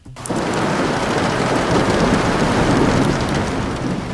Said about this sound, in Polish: W Bernie, w Szwajcarii, bardzo padało.